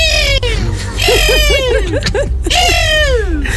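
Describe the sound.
A person imitates a hawk's cry for a morning contest on RMF Max radio, with high, piercing screeches that slide downward, three long calls broken by a quick wavering trill in the middle, loud.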